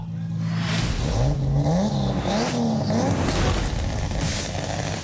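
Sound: turbocharged car engine revving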